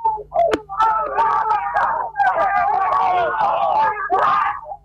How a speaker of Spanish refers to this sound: El griterío, la alegría enorme para Bernasconi, ganador por primera vez en el TC Pista.